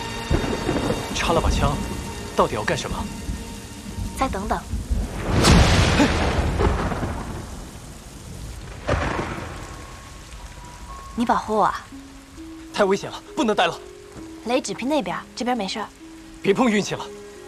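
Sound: rain falling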